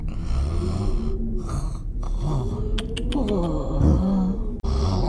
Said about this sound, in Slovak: Chrápanie.